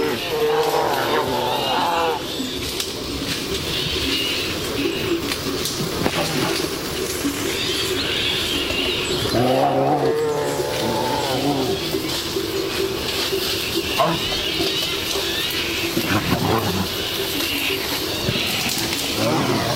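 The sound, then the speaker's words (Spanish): A pair of bears fighting, trading deep growls and harsh roars that rise and fall over a steady rustling of brush, loud and close throughout with no pauses. “Aquí escuchamos cómo una pareja de osos, un macho y una hembra, posiblemente en celo, están destrozando el monte.”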